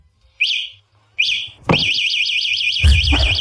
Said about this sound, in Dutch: Ja, dit is het alarm van een fatbike. Ja, dat klopt. Het is het alarm van een fatbike. Leerlingen hebben daar dit jaar erg veel last van tijdens die examens.